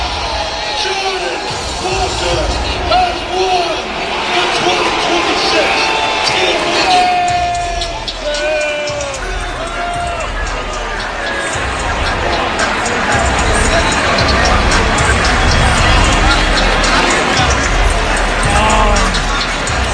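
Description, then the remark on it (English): A loud, sustained roar from a large stadium crowd, with voices blending into a continuous, jeering boo that swells and holds steady for the whole stretch. “It almost sounds like booing you'd get like at a production house.”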